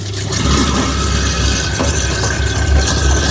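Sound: food waste grinder running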